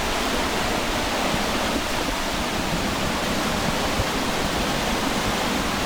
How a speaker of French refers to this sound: Alors si on va un peu plus loin, il y a un saut, une cascade, enfin une sorte de... Ouais. C'est super beau.